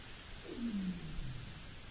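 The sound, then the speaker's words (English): An underwater seal whistle: one low tonal call that slides steadily downward in pitch, trailing into a fainter tone, over a constant hissing wash of background noise. “And then you get the sounds of seals that come through with their kind of whistles underwater that just kind of add to this...”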